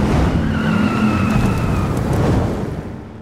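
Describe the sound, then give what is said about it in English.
Loud car engines roar at the Wyoming Moose Lodge Dust-Off Car Show in a dense, rumbling burst, with a rising whine and a brief tire screech before the noise begins to fade toward the end. No one speaks. “Be there when the engines roar.”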